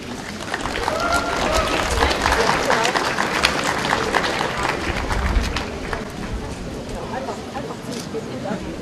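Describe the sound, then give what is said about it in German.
An audience applauds steadily for several seconds at the unveiling of six pictures that school pupils made on the theme of tolerance, a dense, sustained patter of many hands clapping, tapering slightly toward the end, with a few voices faintly mixed in. “Und das in ganz unterschiedlicher Art und Weise und ich denke, Sie dürfen dann nochmal klatschen.”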